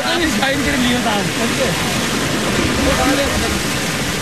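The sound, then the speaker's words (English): A steady, full rush of water flowing through a spring-fed stream in Kashmir during a village festival, with many voices of a crowd of villagers calling and shouting over it throughout as they move through the stream. “In the middle of the rushing water and shouting crowds, a villager lifts his basket”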